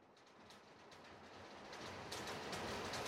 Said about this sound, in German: Und ganz kurze Frage, wenn ich jetzt die Musik ganz leise mache und ich auch mal ganz kurz meinen Mund halte, hört man dann den Regen draußen? Achtung.